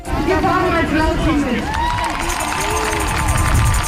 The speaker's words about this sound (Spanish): El sonido de hace unos momentos en la plaza de la catedral, justo delante del Parlamento Estatal, la gente frente a un escenario aplaudiendo los discursos contra el partido ultra y sus políticas.